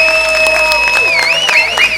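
Loud, steady audience applause with dense overlapping clapping as a finalist composer is called to the stage during the live final of a TV composers' competition. Sustained high whistles join in, their pitch bending and wavering toward the end, as the crowd cheers.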